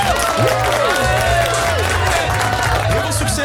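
A dense wash of audience applause and cheering, loud and steady throughout, with overlapping shouts and whoops rising and falling above the clapping.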